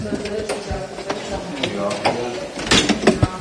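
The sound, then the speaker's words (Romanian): A car door is shoved shut with a solid thud near the end, after a stretch of mechanical clattering and knocks, with people's voices murmuring throughout. “Împingeți ușa.”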